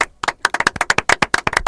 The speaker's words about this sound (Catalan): I aplaudim per què? Perquè de moment... O sigui, pinta molt bé, això.